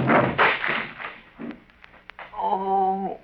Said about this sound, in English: Look there, you broke Lum's chair all to pieces.